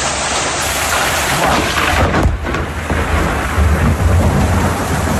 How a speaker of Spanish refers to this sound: Una tormenta aislada, muy concentrada en el mismo punto.